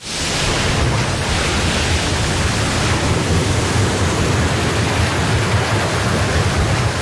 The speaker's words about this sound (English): In seconds, waves out at sea can swamp your boat.